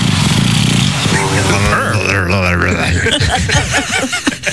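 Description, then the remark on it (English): A flat-faced dog's loud, rough snorting breaths, a purr-like rumble with raspy snorts and thin wheezy whistles, continuing steadily for several seconds with no talking. “Its face is all smushed in, so these are the noises it makes as it breathes.”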